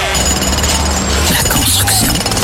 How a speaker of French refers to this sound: On coupe le vieux scooter qui brûle de l'huile.